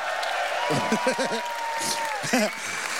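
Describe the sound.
A crowd applauds steadily for the whole stretch for a band of musicians, a dense wash of clapping, while a man's voice speaks briefly over it a couple of times.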